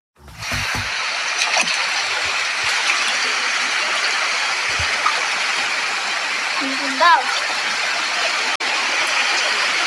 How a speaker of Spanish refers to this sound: Esto no es un río, oye, no es un río, es el agua metida en las casas de la invasión, oye, escuche esto.